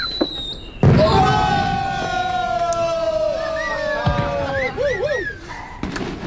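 A sudden loud bang gives way to long, shrill whistling rockets that rise and wobble, then another burst near the end, all over a steady murmur of crowd noise.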